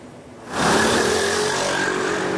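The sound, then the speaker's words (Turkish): Loud, steady road noise of car engines sets in after a quieter moment, a continuous roar of dense traffic on the Anatolian side of Istanbul's TEM motorway, jammed by reinforcement work on the Molla Gürani Viaduct in Kavacık, with one engine humming and revving through the mix. “İstanbul TEM otoyolunun Anadolu yakasında yoğun trafik oluştu.”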